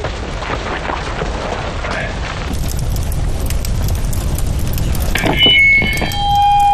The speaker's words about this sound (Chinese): 对面的枪声。